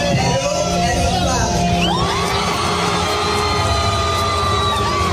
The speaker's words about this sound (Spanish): El público la recibió entre gritos y aplausos, demostrando que finalmente Perú es clave.